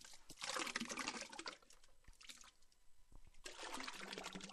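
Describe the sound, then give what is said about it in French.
Thick, wet paper pulp pours and splashes into a vat for dilution in hand papermaking, in two gushing bursts: a broad rushing liquid sound with a brief quieter gap and soft drips between. “Là, en fait, le fait de l'ajouter dans une cuve, c'est une dilution, hein.”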